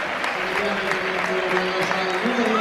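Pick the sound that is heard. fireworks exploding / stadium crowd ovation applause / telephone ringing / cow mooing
stadium crowd ovation applause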